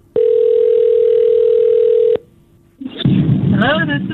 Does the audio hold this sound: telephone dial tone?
yes